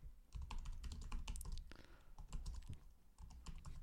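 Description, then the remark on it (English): Rapid, dense typing on a computer keyboard, a flurry of sharp clicks and clacks running steadily for several seconds with brief pauses between bursts. “I hope you hear the furious clicking and clacking.”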